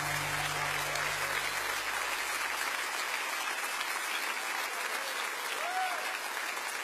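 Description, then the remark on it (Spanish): A crowd claps loudly and steadily for about seven seconds, a dense, sustained wash of applause that holds its intensity throughout, with a faint low hum fading out partway through. “dale fuerte ese aplauso a él.”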